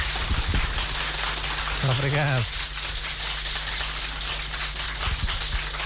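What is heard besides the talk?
audience applause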